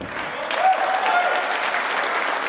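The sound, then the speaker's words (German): Steady applause from a crowd in the Sporthalle Robert-Koch-Straße at a gymnastics all-around competition, dense rapid clapping that holds at an even, fairly loud level for a couple of seconds, with a faint murmur of voices mixed in. “Applaus in der Sporthalle Robert-Koch-Straße.”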